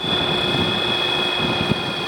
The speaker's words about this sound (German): Flugzeug hört man kaum, denn es wird von einem Elektromotor mit Akku angetrieben. Und er hat es damit von Bayern bis an den Polarkreis geschafft.